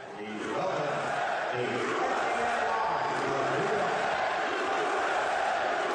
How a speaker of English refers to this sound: Because you're getting one form of the reaction, but they're failing to show another side of that reaction, which was right before they put him on the big screen, too. And the crowd erupted with these chants.